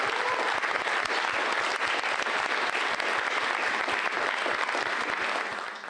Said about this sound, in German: Danke und bitte einen Applaus.